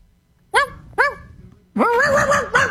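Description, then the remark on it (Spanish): A person on a radio show imitates a barking dog for World Dog Day: two short, sharp woofs close together, then a longer, drawn-out howling bark-like vocalization, loud. “Hazle como un perro, ladra como un perro.”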